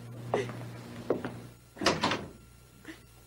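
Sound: door being closed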